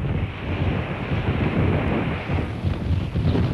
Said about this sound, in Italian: Era una giornata particolarmente fredda e il vento faceva da padrone senza misericordia.